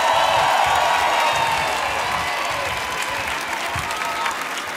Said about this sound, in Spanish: Quiero que deis un fuertísimo aplauso aquí a la derecha de las guitarras. Pau Wey desde Figueras, un aplauso para él.